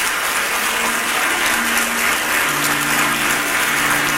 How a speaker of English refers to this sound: Stand to your feet. If the word helped you today, clap your hand. I said, clap your hand.